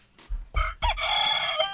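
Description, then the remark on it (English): A rooster crow used as a quiz player's buzzer sound: it crows once, loud, its strained harmonic call sustained for about a second after a couple of short low thumps, with no talking over it. “you are the rooster.”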